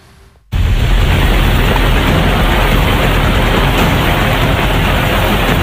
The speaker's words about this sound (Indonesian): hujan deras dengan intensitas tinggi yang mengguyur Kota Padang, Sumatera Barat menimbulkan banjir di 4 kecamatan